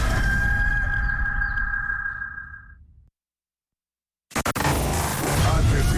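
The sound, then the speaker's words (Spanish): A loud, drawn-out rooster crow rings out for about three seconds and fades, then a brief silence before a burst of noisy, rustling sound. “La Maratón de El Gallo. Pone los huevos por Colombia.”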